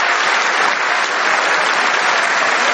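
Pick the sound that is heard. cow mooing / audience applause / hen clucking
audience applause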